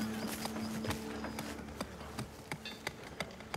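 Horse hooves clip-clop in an uneven, unhurried rhythm, a dozen or so sharp knocks, while a steady insect-like buzz hums underneath. No one speaks.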